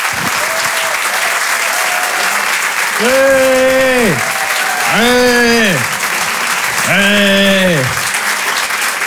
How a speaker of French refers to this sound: Retenez bien son nom, je vous demande de l'applaudir très très fort lui aussi.